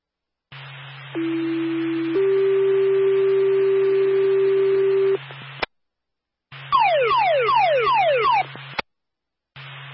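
A fire dispatch radio paging alert for Claremont Fire, sent for a residential fire alarm on Old Church Road: a steady tone steps up to a second long held tone, then a brief pause and a rapid series of falling, sweeping beeps over a constant radio hum.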